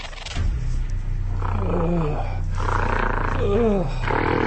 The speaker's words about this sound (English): When I awake, a gorilla in a cage next to me is growling and grunting.